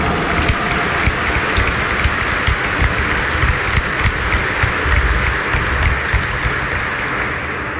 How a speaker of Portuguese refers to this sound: queremos acolher os nossos ministros, leitores, os nossos coroinhas, acólitos, o nosso coral bonito aqui do nosso santuário, os organistas, com uma bonita e forte salva de palmas.